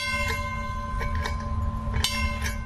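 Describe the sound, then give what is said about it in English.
A trolley bell clangs several times at uneven intervals, ringing out over a steady low rumble of the moving car, with no one talking. “If there's enough time when we come back, we take the young children and put them up in the front, let them blow the whistle, ring the bell.”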